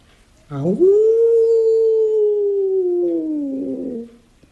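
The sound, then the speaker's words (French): A wolf gives a single long howl at night in a forest, rising quickly, then holding a steady, drawn-out tone for about three seconds before trailing off, loud with no other sounds around it. “je n'ai pas peur du loup”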